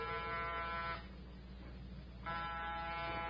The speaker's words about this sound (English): Get off the buzzer. Lomax can't hear it. Door's locked.